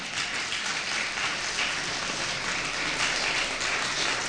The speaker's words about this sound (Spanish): ¿Cuánto dicen amén? ¿Amén? Dale un fuerte aplauso, amén.